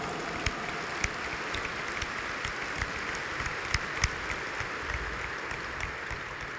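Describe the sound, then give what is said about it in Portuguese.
Sustained applause from an audience at a sanctuary in Governador Valadares, welcoming the ministers, readers, altar servers, acolytes, choir and organists; a dense, steady wash of clapping with a few sharper individual claps standing out, moderately loud and continuous throughout, with no talking over it. “Sejam todos muito bem-vindos, queremos acolher os nossos ministros, leitores, os nossos coroinhas, acólitos, o nosso coral bonito aqui do nosso santuário, os organistas, com uma bonita e forte salva de palmas.”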